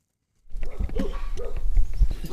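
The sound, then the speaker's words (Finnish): Two Karelian bear dogs at a boatbuilder's workshop in Sulkava, Finland, bark loudly at arriving visitors in a rapid series of sharp, overlapping barks that start abruptly after a brief silence and continue steadily. “Tässä tapahtuu niin, että meidät haukutaan heti, kun me päästään paikalle.”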